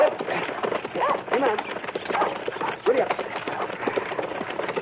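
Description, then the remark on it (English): A dog barks a few times, sharp, over steady clip-clopping horse hooves and a dense, busy background. “Get away, dog.”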